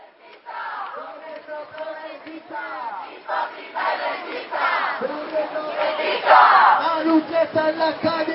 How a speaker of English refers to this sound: Noisy demonstrations are starting now in the capital, Madrid, and beyond. Their protests focused on what many consider to be the country's biggest issue, the high cost of housing.